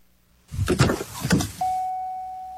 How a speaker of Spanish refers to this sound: Cierra las ventanas.